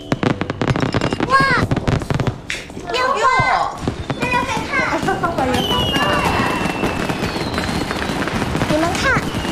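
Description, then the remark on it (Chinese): Fireworks and firecrackers pop and crackle in rapid, dense bursts outdoors in Shanghai at New Year during a power cut, continuing steadily throughout while excited voices, including children, chatter and call out over the din. “烟花鞭炮照旧，咱上海老百姓什么时候怕过？”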